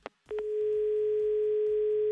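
A few quick clicks of a phone line, then a loud, steady mid-pitched telephone tone, the busy tone after a dropped call during a live call-in on Yumor FM radio, droning on without a break to the end.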